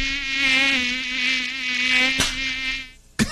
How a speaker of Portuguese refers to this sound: Sai mosquito da dengue. Sai daqui, bobo. Sai daqui, seu bobão. Como tem mosquito chato, né?